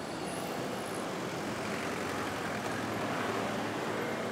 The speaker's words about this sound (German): Libreville, die Hauptstadt von Gabun, hat die typische Krankheit großer Städte nicht nur in Afrika. Libreville erstickt im Verkehr. Es kann Stunden dauern, um von einem Ende der Stadt zum anderen zu kommen.